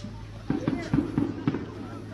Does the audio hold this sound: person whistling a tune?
no